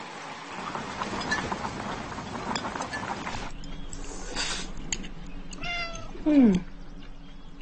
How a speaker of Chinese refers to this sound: 嗯，这猫是谁养的？